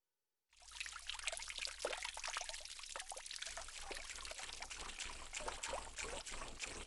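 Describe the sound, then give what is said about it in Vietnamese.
A thin stream of water trickles steadily after a brief silence, with a continuous splashing patter full of small droplet-like plinks and a faint low hum beneath. “Ở đây thì chúng ta có từ ちょろちょろ là âm thanh của chất lỏng, chẳng hạn như là nước chảy nhỏ giọt, nghe tí tách từng giọt như vậy ạ.”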